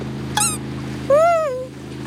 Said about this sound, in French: Tiens, voilà un bateau à moteur. C'est un bateau de pêcheurs. Tout doux salue les pêcheurs sur leur bateau à moteur.